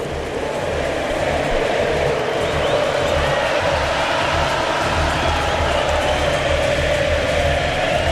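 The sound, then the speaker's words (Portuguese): A huge crowd of Argentine fans sings together in the stadium in Kansas in the final minute of Argentina's win over Switzerland, a dense, roaring wall of voices holding a steady chant at constant loudness for the whole stretch, with no single voice standing out. “E o estádio do Kansas canta, canta a torcida argentina.”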